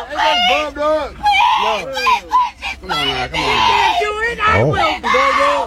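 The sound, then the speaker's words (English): A woman screams and shrieks in loud, high-pitched, frantic bursts as she is bitten on the leg during a fight between two women, nearly continuous, with wavering cries rising and falling over several seconds. “This is the screams of a woman getting bit.”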